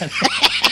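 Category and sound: human body sound, stomach growling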